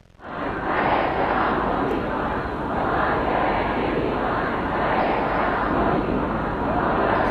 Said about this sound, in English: Well, we can hear there mourners who filled the city of Mashhad for the last several days of funeral proceedings. Crowds shouted slogans against any compromise with the US and denounced the American and Israeli leaders.